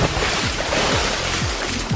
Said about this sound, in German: Bauchplatschereien in den Pool oder ins Meer.